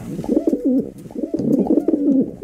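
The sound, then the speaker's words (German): Pigeons coo in soft, throaty, rolling phrases, two repeated bursts with no one speaking. “sprechen heute in der MDR Thüringen Frühschicht über Tauben”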